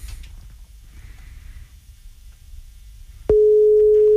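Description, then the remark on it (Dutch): Low background rumble, then a click and a loud, steady single-pitched phone tone begins near the end, like an outgoing call's ringing tone sounding, with no talking. “Laten we gaan kijken of degene die we blij gaan maken opneemt. Dat is wel belangrijk, je moet wel opnemen.”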